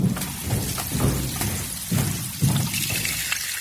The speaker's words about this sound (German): Schon zum zweiten Male, wie das Becken schwillt, wie sich jede Schale voll mit Wasser füllt.